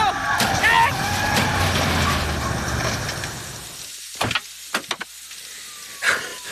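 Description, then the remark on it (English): Engines roar and rumble steadily for several seconds in a high-speed police chase of a red 1975 Ford Thunderbird, then give way to a cluster of sharp, loud crashes and bangs as police cars smash into each other, with one final impact trailing off, leaving two police cars wrecked. “Two wrecked cop cars.”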